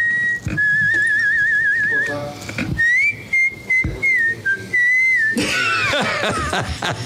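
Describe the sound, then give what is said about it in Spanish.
A person from San Luis de Panville whistles a bright, birdlike tune like a goldfinch's song, with quick warbling trills and sustained high notes, loud and continuous, ending in a busier burst of chirpy, noisy sound. “Parece jilguero cantando.”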